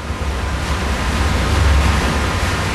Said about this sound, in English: That is the sound of the water from the artificial glaciers reaching this village in this huge underground reservoir.